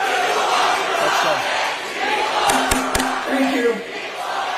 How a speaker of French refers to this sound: On les entend crier People Over Profit dans le New Jersey. Un autre collectif de citoyens résidents a obtenu l'annulation de la construction d'un gigantesque centre de données.